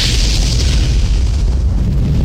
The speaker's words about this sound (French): Avec 109 personnes à bord et son plein de carburant, le supersonique s'écrase sur un hôtel en périphérie de Gonesse. Une gigantesque boule de feu envahit le bâtiment.